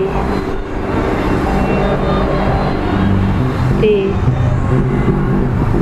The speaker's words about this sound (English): The airplane. The airplane.